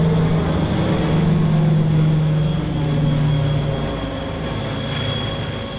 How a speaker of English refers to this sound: Many visitors arrive in the smooth-flying Viscounts, the superb British aircraft with a built-in whine.